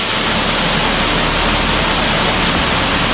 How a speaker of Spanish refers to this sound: Contrasta el silencio de las anteriores galerías con el sonido ensordecedor del agua que hace que ni siquiera nos escuchemos.